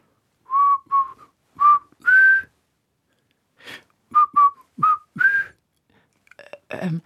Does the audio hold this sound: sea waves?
no